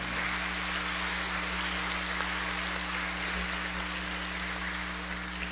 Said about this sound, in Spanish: Hermanos y hermanas, tenemos cumpleañeros este domingo. Queremos felicitarles con un fuerte aplauso.